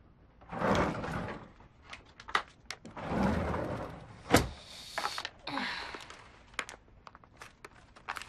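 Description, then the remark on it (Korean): A drawer slides open and shut several times, with rattling scrapes and a sharp clunk in the middle, then lighter rummaging knocks, as the bottom drawer is searched for pain-relief patches. No one speaks. “맨 밑서랍에 파스 있어요.”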